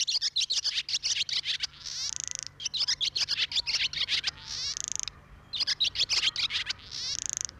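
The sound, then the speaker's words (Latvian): A barn swallow twitters in quick, chattering bursts, each phrase ending in a dry buzzy rattle, repeated three times, loud with no voices. “un šoreiz putnu rubrikā iepazinām bezdelīgu.”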